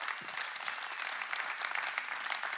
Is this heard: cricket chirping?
no